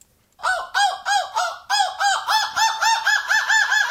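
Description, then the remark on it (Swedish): A person imitates a seagull's scream, belting out a rapid run of about a dozen loud, rising-and-falling squawks one after another with no pauses and no talking. “Vilken är vinnaren i Måsskrik EM och vilken är jag?”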